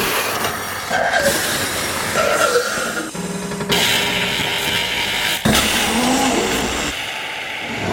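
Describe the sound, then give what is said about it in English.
A coffee machine runs steadily for several seconds, a loud rushing hiss layered with whining mechanical tones and low hum that shift in a few abrupt steps, with no voices. “But thankfully, I'm being soothed by the sound of a coffee machine.”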